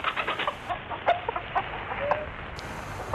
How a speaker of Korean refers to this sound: 암탉이 샛노란 작은 눈을 동그랗게 뜨고 버르르 몸을 떨더니 둥지에서 뛰어나와 꼬꾸댁꼬꾸댁 울어대었다.